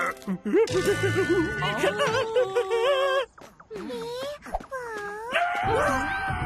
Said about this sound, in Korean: 아빠 비명 소리예요.